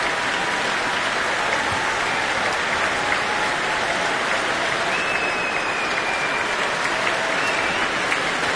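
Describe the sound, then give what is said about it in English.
An orchestral concert audience in the hall applauds steadily, a dense, unbroken wash of clapping at constant loudness, with a few faint whoops and whistles of cheering rising above it, the cheer being for cor anglais soloist Henry Clay. “That's the cheer for Henry Clay.”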